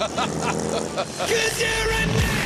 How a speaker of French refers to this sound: Dans son garage, rebaptisé l'autodistillerie, on carbure au V8 vrombissant et on goûte les belles carrosseries. Visite guidée et petit tour dans cette bondissante Impala Lowrider.